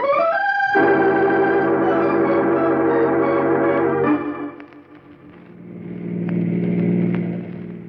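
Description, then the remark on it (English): A car engine hums steadily, its tone shifting as it drives along, then easing off before building again with a louder, rougher rumble toward the end. “I have a car waiting.”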